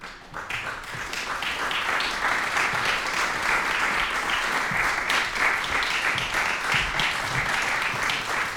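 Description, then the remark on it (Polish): Sustained audience applause in the Władysław Szpilman studio, a dense, steady wash of many hands clapping at an even loudness throughout, with no voices. “Wielkie brawa z klasyką przez Polskę w studiu imienia Władysława Szpilmana.”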